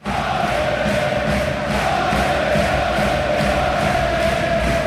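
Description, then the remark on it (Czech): About ten thousand Swiss hockey fans in an arena in Switzerland cheer, jump and sing together before the world championship final against Finland, in a steady, loud roar, with rhythmic clapping pulsing through the dense crowd noise the whole time. “Deset tisíc fanoušků už dlouho před zápasem skáče, tleská a zpívá.”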